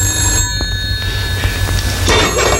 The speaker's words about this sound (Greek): Πάρε το τηλέφωνο, ρε.